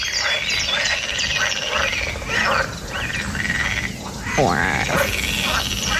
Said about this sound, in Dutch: Jullie hebben vast heel veel kikkergeluiden, maar toch maar even ook deze. Het zijn poelkikkers die verblijven in een van de poelen op het landgoed Erve Kostverloren bij Ruurlo.